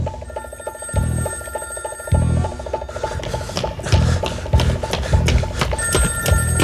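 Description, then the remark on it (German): A telephone bell rings in repeated rattling bursts, loud, with short gaps between rings and no one speaking, in the radio thriller play Gefahr für London by Edgar Durbridge. “Beim nächsten Klingeln hätte ich aufgelegt.”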